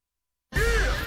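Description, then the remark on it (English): A single harsh crow caw rings out after a moment of silence, loud, with a raspy, drawn-out tone lasting just over half a second, opening a Fox Sports Radio show billed as having two crows and a cup of Joe. “Here they come. Oh, louder. What's that sound? This is the show that has two crows and a cup of Joe.”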